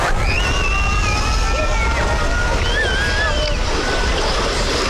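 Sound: waves on a beach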